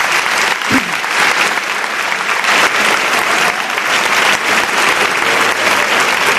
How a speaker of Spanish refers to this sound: Me estaría contigo horas y horas y horas. Os pido un aplauso para este hombre.